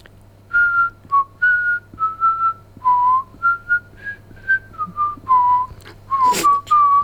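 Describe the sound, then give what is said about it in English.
A person whistles the chorus of a classic New Zealand song, a series of clear sustained notes with short breaths between phrases, over a faint steady hum. “I'm thinking of doing the chorus to a classic New Zealand song.”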